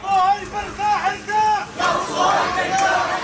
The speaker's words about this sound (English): That is the sound of a funeral procession moving through Gaza City today.